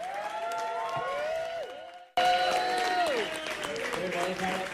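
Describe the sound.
An audience claps steadily while voices call out over the applause, briefly cutting off at one point before the clapping and crowd noise resume at a similar level.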